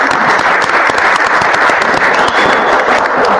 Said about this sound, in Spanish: Un gusto. Y un aplauso para él.